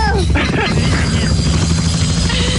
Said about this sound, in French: On va faire un tour d'hélico.